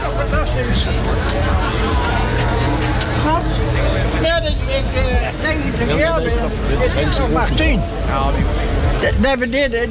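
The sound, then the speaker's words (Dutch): A heavy truck engine rumbles steadily, its deep drone running the whole time beneath a busy hubbub of overlapping voices from a crowd. “de motor ronkt ook.”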